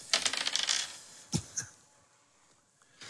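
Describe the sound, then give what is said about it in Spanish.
Dice thrown during a game rattle and clatter rapidly across a hard surface, then a couple of sharper clicks as they settle, followed by quiet. “Oye, tiren los dados, pues, ¿quién lo tira primero?”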